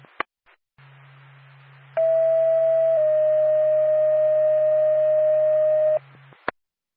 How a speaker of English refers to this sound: Norfolk to Lancaster ambulance, stand by for tone.